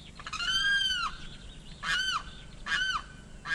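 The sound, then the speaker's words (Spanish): A limpkin, called carrao, gives three loud, wailing calls in quick succession, each a harsh, rising-then-falling cry with a ringing, nasal quality, against a quiet, slightly hissy background. “Este sonido corresponde al canto del carrao y hace parte del proyecto A Ritmo de Pájaros de la Fundación Corocoras.”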